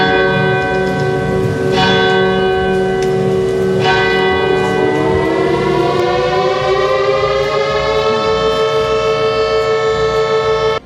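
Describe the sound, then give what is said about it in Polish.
Air-raid sirens wail loudly and continuously at the commemoration of the anniversary of the outbreak of World War II at Westerplatte, Poland, their pitch climbing steadily in the second half, with a couple of sharp ringing strikes early on and no voices. “Zawyły syreny, odśpiewano hymn, podniesiono flagę, a pamięć poległych uczczono apelem poległych i salwą armatnią.”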